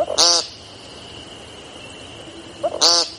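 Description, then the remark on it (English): An American woodcock gives two loud, buzzy, nasal peent calls about two and a half seconds apart, with a faint steady high-pitched whine running underneath. “Their brown and black speckles camouflage them perfectly, until they sing, which sounds less like singing and more like yelling the word paint over and over.”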